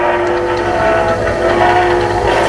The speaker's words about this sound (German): А это какой-то что-то поезд какой-то едет или что-то. Das zweite könnte ein Zug sein, der fährt, etwas ähnliches.